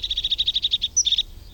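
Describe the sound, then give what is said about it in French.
A blue tit, a small blue bird with a yellow belly, sings alone as it approaches: a quick run of about ten bright, even high notes, a brief higher note, then a short fast trill. “C'est un petit oiseau bleu qui s'approche en chantant. Il a le ventre jaune. C'est une mésange.”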